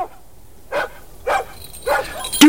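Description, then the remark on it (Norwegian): A dog barks four times in a steady, evenly spaced rhythm, each bark short and sharp with a mid-pitched, slightly rough tone. The final bark is the loudest. No one speaks. “Du, nå kjem han, bikkja nå!”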